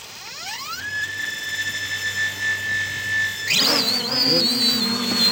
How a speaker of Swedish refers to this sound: Ja, det här låter kanske som ljudet av en ilsk bisvärm eller något sånt, men du kanske hör att det faktiskt är en drönare det handlar om. Just den här är med i Aurora vid Dala Airport i Borlänge